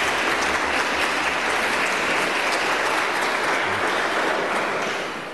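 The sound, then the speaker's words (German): Sustained applause from an audience in the Maria Schutz church welcoming Dr. Michael Hesemann, a dense, even wash of many hands clapping at steady loudness for several seconds, with no voices, fading slightly at the very end. “Ihr dürft mal klatschen, obwohl ihr in der Kirche seid.”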